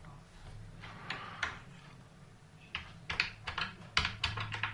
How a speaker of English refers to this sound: I think I'm going to just, if you don't mind me clicking a little bit, I can do this and only be one more click.